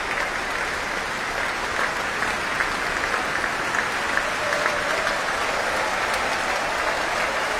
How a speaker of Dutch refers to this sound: Groot applaus ook van de muzici van het orkest. Voor hun toekomstige chef-dirigent.